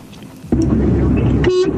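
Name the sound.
car horn honking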